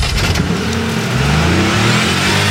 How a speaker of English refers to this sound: start your engine.